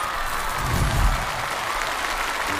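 An audience applauds with dense, steady clapping that holds at an even level throughout, a full room of hands with no voices over it.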